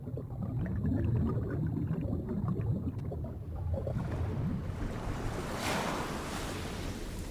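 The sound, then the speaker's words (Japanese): Ocean waves wash steadily onto a beach at night under a full moon, a continuous rolling surf with a broader swell breaking midway, fairly loud, with no voices. “満月が海を照らしています。”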